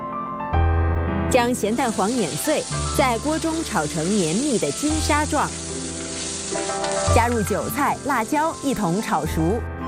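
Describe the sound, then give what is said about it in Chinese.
Soybean pulp frying in hot oil, to be used with salted egg yolk and chives for golden sand tofu, gives a steady sizzling hiss that runs through the whole clip, with a voice carrying on over the crackle. “豆渣经过热油炸制，味道会变得更香。”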